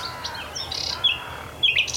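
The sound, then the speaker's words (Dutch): A nightingale sings at dawn beside a marsh forest, a string of bright, varied whistles and chirps, clear over a quiet background hush with no voices. “onmiskenbaar nachtgauw. Ja, zeker. In alle stilte is dat een van de eerste vogels die begint met zingen.”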